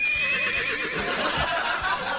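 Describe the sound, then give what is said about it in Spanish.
A horse whinnies in one continuous, quavering call lasting about two seconds, loud, with a trembling, high-pitched tone that wavers throughout. “¿Qué pasó con el caballo?”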